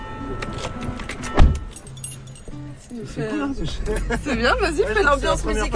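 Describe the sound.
Keys jingle as someone climbs into the front of a car to drive around Groix, with a single solid thump like a door or seat early on, then voices start talking inside the cabin.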